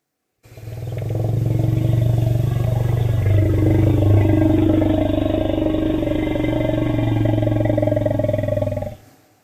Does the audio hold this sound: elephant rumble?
yes